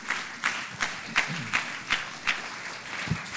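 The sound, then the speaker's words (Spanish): An audience applauds steadily to welcome a missionary giving a missionary report, a dense wash of many hands clapping with a loose rhythmic pulse of louder accents running through it, sustained at moderate volume with no talking. “Entonces, con un aplauso, recibimos al misionero.”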